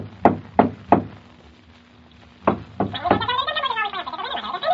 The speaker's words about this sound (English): He tried to get me to open the door, but when I wouldn't, he jumped onto the door knocker and swung back and forth on it.